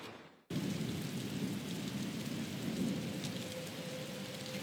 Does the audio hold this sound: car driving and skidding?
no